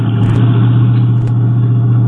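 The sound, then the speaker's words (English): A car engine hums steadily, a low continuous rumble with a slight rise and fall as the car rolls slowly into an alley to park, with no voices over it. “Why don't you see if you can park there?”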